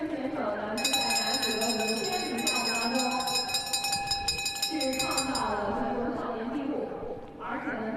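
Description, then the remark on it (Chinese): A bell clangs rapidly and continuously for several seconds, signaling the final lap of a race, its bright metallic ringing cutting through an excited commentator's voice before fading out as the talk continues. “最后一圈，钟声一响，最后一圈就是这一个弯道，冲向终点了，就准备。”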